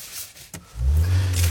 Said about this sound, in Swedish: Ska jag sätta bara igång bilen också? Den är automatväxten i alla fall. Nej, men varför startar inte bilen nu då?